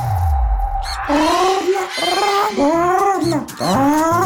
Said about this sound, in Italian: Anche il pappagallo te lo ricorda, perché quando la pellicola è fatta bene, la voce si sparge.